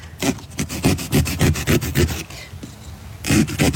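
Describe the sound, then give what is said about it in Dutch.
A small saw cuts into a pumpkin along pricked pattern lines with quick, rhythmic rasping strokes, fairly loud. The sawing pauses briefly, then resumes. No one speaks. “En dan als je klaar bent met prikken, haal je de afbeelding eraf, pak je een zaagje en dan zaag je langs de lijntjes.”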